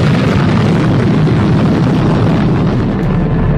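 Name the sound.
massive explosion boom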